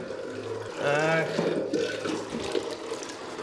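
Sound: spring water running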